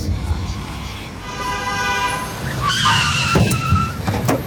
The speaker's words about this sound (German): Was soll das? Pass doch auf, du Idiot. Du hättest mich fast überfahren. Ich dachte, es gibt schon längst keine Autos mehr in Berlin.